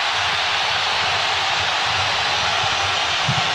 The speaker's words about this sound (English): And that's the loudest roar we've had from the Colombian fans in the second half.